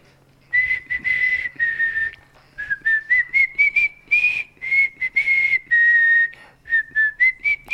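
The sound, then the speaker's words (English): A person whistles a bouncy pop melody alone, clear, in a run of short and held notes with brief breaths between phrases, as a guess-the-song quiz on Six Towns Radio. “Wet Wednesday Whistle on a Thursday.”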